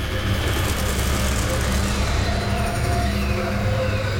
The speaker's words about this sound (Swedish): Genom gränderna runt torget kommer en lastbil åkande.